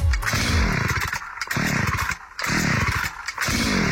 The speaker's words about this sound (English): The old chainsaw not starting?